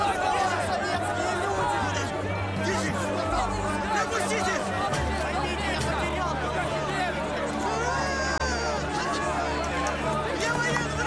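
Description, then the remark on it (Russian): A dense crowd of people pressing toward a ship's gangway at night, held back by soldiers in helmets, with constant overlapping chatter and shouting voices, a restless hubbub and a low rumble underneath throughout. “Солдаты в касках сдерживают напирающую толпу возле трапа.”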